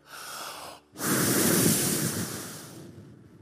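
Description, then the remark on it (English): A quick breath in, a brief pause, then a long, loud, forceful exhale blown into the microphone, rushing and gradually tapering off with no talking. “Breathing into Nigeria.”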